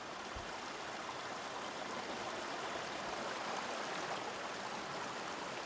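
waterfall rushing water

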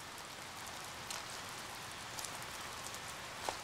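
rain falling

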